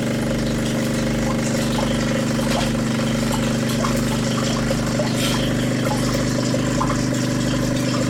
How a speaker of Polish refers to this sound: Ja teraz nacisnę ten przycisk. O! Jak słyszycie, to ten ekspres właśnie jest odkamieniony.